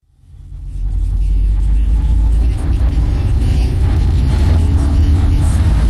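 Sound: car interior engine rumble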